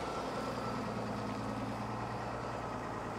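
The heavy diesel engine of a former container stacker, converted with a crane harness for lifting boats, runs steadily at idle in a harbour, a constant low rumble with a droning hum, continuous and fairly loud throughout with no talking.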